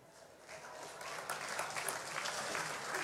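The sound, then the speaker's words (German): A crowd claps steadily for the area manager of Brau Union Österreich, building quickly into sustained applause that fills the whole stretch, moderately loud with a dense, crackling texture. “Einen kräftigen Applaus, weil ohne den hätten wir heute nichts zum Trinken.”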